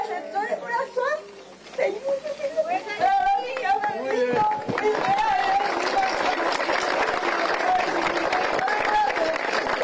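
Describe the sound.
Voices talk for a few seconds, then a crowd of people breaks into steady, dense applause for the president of the commission, continuing loudly to the end, with a voice still audible over the clapping.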